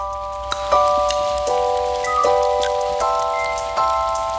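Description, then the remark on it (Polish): A steady hiss of rain with scattered drips and taps, mixed under sustained, layered musical tones that shift pitch every second or so. No one speaks. “No to sprawdźmy, jak z tym deszczem.”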